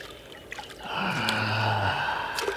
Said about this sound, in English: I'm just gonna rest beside this spring here. Let my feet cool off in the water.